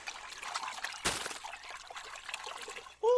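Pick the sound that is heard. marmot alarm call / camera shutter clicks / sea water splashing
sea water splashing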